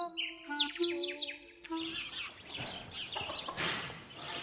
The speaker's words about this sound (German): Selbst heute, Ende November, lärmen hier die Spatzen.